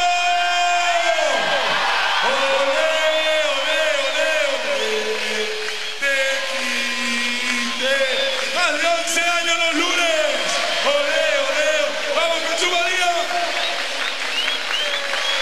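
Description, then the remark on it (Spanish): A large crowd in Jesús María shouts a group cheer in unison, many voices chanting loudly and steadily, with rising whoops and yells layered throughout the whole stretch. “Llamamos a los Tequis una más. Vamos, Jesús María, el grito.”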